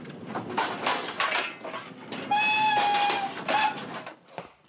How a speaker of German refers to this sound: Los geht's am Eisernen Steg. Allerdings nicht im Schnellzugtempo. Cool. Die Fahrt am Main entlang gleicht einer Entschleunigung. Fünfeinhalb Kilometer bis zum Osthafenbahnhof. Und der Zug braucht eine halbe Stunde.